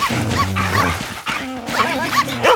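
A dog makes a rapid series of high-pitched yips and whining cries, its whimpers rising and falling in pitch between short barks, with no people talking.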